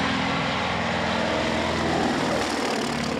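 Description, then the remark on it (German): Propeller aircraft engines drone steadily and loudly, a continuous rumble with a throbbing low hum and broad roar that holds even throughout. “Der Sound, die Motoren, das Fliegen in niedriger Höhe natürlich auch, der Ausblick.”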